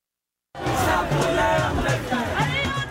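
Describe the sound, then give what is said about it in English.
A large protest crowd in India roars and chants in a dense, continuous wall of voices, with shouting rising above the steady babble of many people at once. “You're hearing the sounds of protests in India.”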